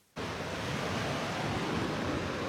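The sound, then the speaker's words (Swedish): Waves wash steadily onto the beach Fria Bad in Helsingborg, carrying seaweed ashore after the wind has died down, in a continuous rushing surge, starting abruptly after a brief silence and holding at an even, fairly loud level with no voices. “Det är en sån här gammal sjö, och här på stranden Fria Bad i Helsingborg så sköljer vågorna upp och de sköljer med sig tång.”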